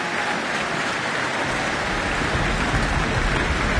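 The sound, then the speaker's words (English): Dense, steady applause from a large concert audience for the orchestra and soloist fills the whole stretch, a continuous crackle of many hands that grows fuller and heavier partway through, with no voices. “Another round of applause for the orchestra, and flowers for the soloist.”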